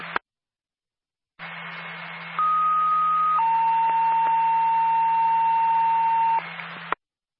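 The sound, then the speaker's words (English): A dispatch alert tone for Windward ambulance personnel over a radio channel: a short burst of static, then a sequence of steady electronic tones stepping down in pitch, held for several seconds against a hum and hiss, ending with a click. “Windward ambulance personnel, stand by for a tone.”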